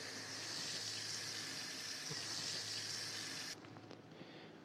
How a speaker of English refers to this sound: then what we want to do after this is basically get the bowl that we used, and we're going to fill it with water. We're going to fill it with water.